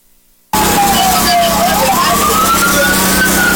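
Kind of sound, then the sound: vehicle, fire truck siren passing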